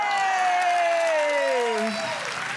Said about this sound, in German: Das ist oft so der Applaus, wo ich auch so ein trauriges raushör.